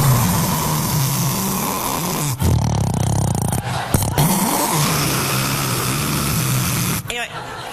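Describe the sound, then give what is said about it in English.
Loud, rough snoring rumbles almost without pause, a deep throaty rattle broken only by a few brief catches before it rolls on again. “The snoring is, this is what always shocks me about snoring.”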